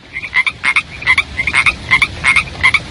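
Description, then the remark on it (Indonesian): A frog croaks over and over in quick, regular bursts, each call a bright, rasping pulse, clear, with no voices. “Pada musim hujan, biasanya sering kita temui katak dan juga kodok.”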